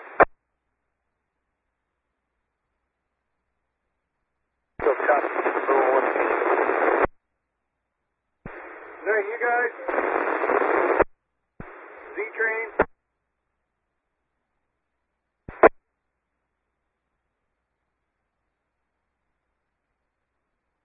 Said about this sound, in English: lot of static. One more time, just as loud as you can. It's just a bunch of static, boss. Over.